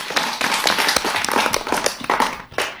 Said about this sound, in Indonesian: Kita kasih tepuk tangan dulu biar lebih semangat.